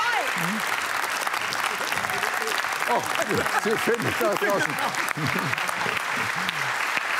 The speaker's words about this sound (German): Vielen Dank, großer Applaus.